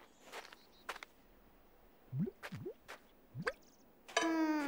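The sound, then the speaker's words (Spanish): Maple sap, collected to make maple syrup, drips from a tapped tree in a few irregular, quiet plinks and plops, each drop with a quick rising ring. A brief bright tonal sound follows near the end. “¿Ya está goteando nuestro árbol?”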